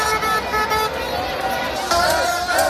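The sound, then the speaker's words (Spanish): Busy street noise in the Spanish capital on a Monday, the morning after Spain's national team won the world championship, with car horns honking over a steady traffic rumble and a murmur of crowd voices, the honks overlapping. “A esta hora se mezcla el tráfico y el trasiego de un lunes cualquiera con los rezagados que todavía se resisten a volver a casa a dormir después de una noche gloriosa.”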